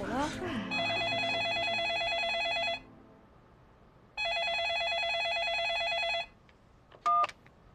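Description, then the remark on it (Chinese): A telephone rings twice with an incoming call from Director Ding, each ring a long, bright electronic trill lasting about two seconds with a pause between. It's loud, with a brief voice at the start and a short beep at the end. “肖总您好，这次是丁总的电话。”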